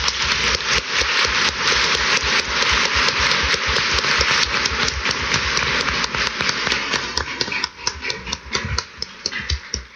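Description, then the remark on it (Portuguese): An audience at a church service applauds to welcome those who will serve the community, a dense, steady wash of many hands clapping, sustained at an even loudness for the full ten seconds, with no voices rising above it. “Vamos acolher a eles ao serviço da comunidade com a salva de palmas.”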